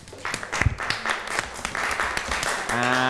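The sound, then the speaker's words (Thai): A classroom of students applauds for a classmate, a dense patter of many hands clapping steadily for about three seconds, with a voice starting to speak over it near the end. “เอาละครับปรบมือให้กับเพื่อนหน่อยครับ”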